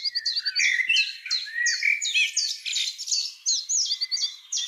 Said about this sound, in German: Also ich glaube, solche Geräusche dürfen uns gerne wecken hier bei uns in Augsburg und in der Region. Die Vögel, die sind schon früh wach und singen richtig laut.